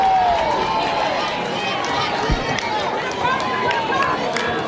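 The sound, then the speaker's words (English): A baseball crowd claps steadily for an 0-2 count as batter Schneidmiller takes a ball, sharp scattered claps rising over a loud, continuous murmur of chatter and voices that holds for the whole stretch. “Crowd clapping it up for the 0-2 as Schneidmiller takes a ball.”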